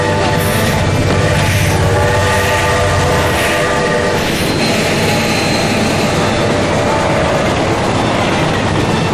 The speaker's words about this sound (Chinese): 火车来了，小夏，别跑啊！